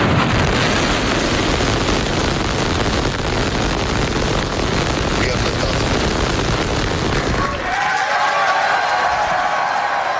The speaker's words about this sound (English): Starship, the largest and most powerful rocket in history, launched from Texas. SpaceX employees cheered as the rocket blasted off from its new launch pad in Texas last night. 5, 4, 3, ignition.